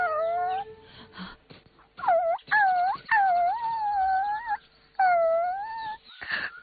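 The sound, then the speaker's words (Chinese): A puppy whimpers and whines in a series of high, wavering cries, four or five drawn-out bursts with short pauses between, fairly loud, with no talking, as it lies beside its dead mother dog. “只见不远处一只小狗趴在已死的母狗边，嘤嘤啜泣，不忍离去。”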